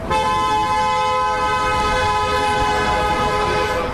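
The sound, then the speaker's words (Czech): A passing car's horn blares in one long, unbroken blast as a procession walks through Pohořelice in one local lane, loud, holding a steady, brassy tone for several seconds over faint background rumble. No one speaks. “Průvod jde přes Pohořelice v jednom místním pruhu, projíždějící auta troubí, těžko říct, jestli na znamení podpory nebo naopak protestu.”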